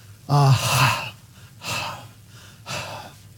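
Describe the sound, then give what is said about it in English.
A person imitates a deer panting after water by saying the Hebrew word ahav: three breathy, forceful exhalations spaced about a second apart, the first partly voiced and loudest, the later two airy and softer. “Try saying it as if you were panting, and you will see what they mean.”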